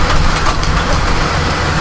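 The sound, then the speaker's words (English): Steady, dense rain hisses at an even loudness throughout, with a low rumble underneath, during a severe thunderstorm warning in Crawford County, Ohio. No one speaks. “Here it comes. Hear it? No, what? Rain.”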